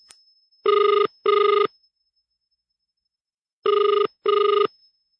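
The Mayor's cellphone rings in two double bursts separated by a short pause, a clear, steady electronic trill with no one speaking.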